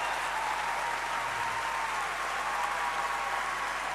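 Steady, dense applause from a crowd fills the whole stretch, a continuous wash of many hands clapping at an even loudness with no voices standing out.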